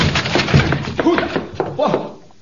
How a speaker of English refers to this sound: I'll force the door and you enter after me.